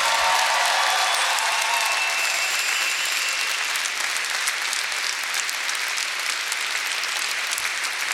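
Sustained audience applause, a dense crackle of many hands clapping at steady loudness for several seconds, with no voices standing out above it.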